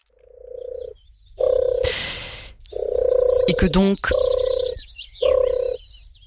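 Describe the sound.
A mourning dove coos in a series of low, hollow, steady notes, each about half a second long, broken by short bursts of noisy rustling and a brief spoken phrase.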